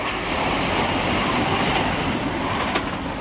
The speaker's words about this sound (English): Now Sweden is trialling a world first, a train powered by neither diesel nor electricity.